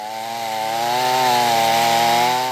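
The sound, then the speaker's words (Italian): A chainsaw runs steadily at high revs, its engine whine rising slightly as it bites into wood, loud with a continuous buzzing drone and no voices, as local residents clear flood debris from the Iudrio riverbanks at Ruttars, Dolegna del Collio, Italy, near the historic Tuzzi mill. “Motosega, carriola e tanta buona volontà.”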